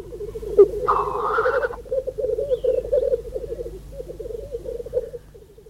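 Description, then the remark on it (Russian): A single black grouse calls with a continuous low, rolling bubbling coo, broken early on by one loud hissing sneeze-like whoosh, then carrying on steadily until the end. “А это голос одиночной птицы.”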